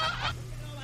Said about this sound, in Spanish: ¡Pinche gallina! Nos vino a distraer.